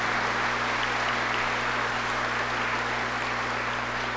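A parish audience claps steadily for about four seconds in gratitude to the Holy Spirit, a dense, even wash of applause with no voices over it, backed by a low, steady electrical hum.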